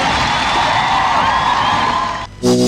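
A crowd applauds and cheers loudly, with a dense wash of clapping and scattered whoops throughout, before it cuts off briefly and a harmonic tone begins at the very end.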